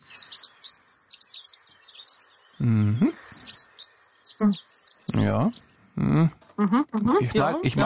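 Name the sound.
bird song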